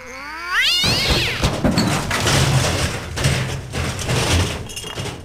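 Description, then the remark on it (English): A cat lets out a single loud, rising yowl, then the sound dissolves into several seconds of noisy clattering and crashing with no voices. “That's the drunken cat.”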